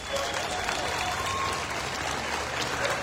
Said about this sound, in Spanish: Gracias a todos los visitantes, a nuestras ciudades hermanas de Santana Chautempan, gracias por estar aquí, a nuestra ciudad invitada de Costa Rica, a toda la delegación, gracias y un fuerte aplauso para ellos.